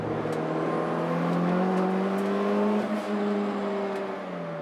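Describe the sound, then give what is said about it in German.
The four-cylinder engine of a Honda CX car, normally naturally aspirated but converted to turbo with a reinforced block, runs steadily, its loud, humming drone rising slightly in pitch and easing back over a few seconds, with no voices. “Normalerweise ist das ein Saugmotor, Vierzylinder.”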